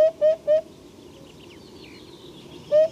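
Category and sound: bird, eurasian hoopoe song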